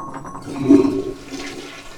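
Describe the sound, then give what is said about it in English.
A toilet flushes in a bathroom, a sudden rushing swirl of water that surges loudly for a moment and then churns steadily as the bowl drains and refills. “And we're going to flush the toilet.”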